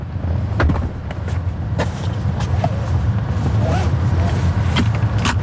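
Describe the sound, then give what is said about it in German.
Inside a robotaxi in Ottelfingen with a steady low rumble, several sharp clunks and clicks ring out: doors being opened and shut, then the quick click and zip of a seatbelt being buckled. “Türen auf- und zu machen und sich angurten. Das muss man im Robotaxi noch selber machen.”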